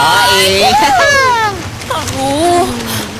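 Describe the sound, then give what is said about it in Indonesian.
Steady rushing beach ambience of waves and wind on a hot day forms a constant noise bed, while a voice talks over it in rising and falling tones throughout. “Asik, kita di pantai coy.”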